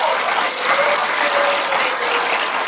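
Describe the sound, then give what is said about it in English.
A church audience applauds steadily to answer a question about who wants more favor and blessing from God, many hands clapping together in a dense, even wash of sound that stays loud for the whole stretch with no voices on top. “But today I want to hunker down a little bit, spend a little more time here, and I'll just ask you by your applause, how many here would want to experience more favor and blessing in this church from God?”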